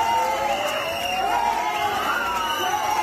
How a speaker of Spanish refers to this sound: Y fuera, los abucheos no cesaron.